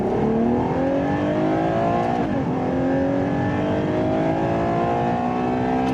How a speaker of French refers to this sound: Je pense qu'il fallait pas moins de cylindres. Qui dit V12 dit quand même sonorité assez noble. Écoutez ça.